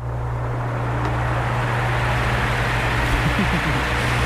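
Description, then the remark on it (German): An electric fan runs steadily in a bedroom on a hot night in and around Berlin, with lows of 22 to 25 degrees. It gives a constant airy whoosh over a low, droning motor hum that never changes in level throughout. “Ja, der Ventilator, der muss nochmal durchmachen bei diesen Temperaturen.”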